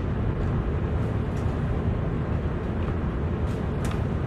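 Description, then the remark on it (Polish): A bus rumbles steadily, its low engine drone and road noise filling the whole stretch at a constant level, with faint higher hisses now and then and no one talking. “To jest autobus.”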